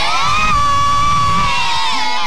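A loud group of children shouting together on request in one sustained, high-pitched collective yell, energetic, lasting a couple of seconds.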